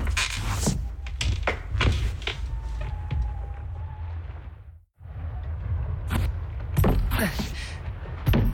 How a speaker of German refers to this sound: Ich bin am dichtesten dran. Ich versuche mal, mit meinem Stuhl dahin zu ruckeln.